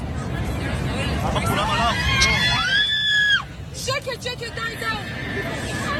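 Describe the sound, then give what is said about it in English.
Passengers on a plane going down scream and shout in panic over a loud, steady low roar. Sustained high-pitched wails peak midway, then agitated, overlapping cries continue to the end. “So people are screaming here because I think it's hard to tell in the video, but I think the plane is... What's happening?”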